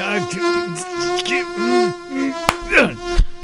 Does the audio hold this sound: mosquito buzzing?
yes